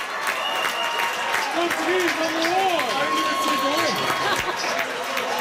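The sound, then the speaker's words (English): A crowd of Portugal football fans at the World Cup cheers and claps, celebrating a big comeback, in a steady, loud roar, with excited shouting voices rising and falling above the clamor throughout. “Portugal fans were celebrating a big comeback yesterday afternoon”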